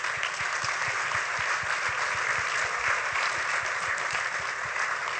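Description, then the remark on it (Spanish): Sustained applause from an audience, a dense, steady wash of many hands clapping at once with no pauses, fairly loud throughout. “Ahora bien, ahora queremos que pase un fuerte aplauso.”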